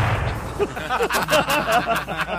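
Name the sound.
gunshots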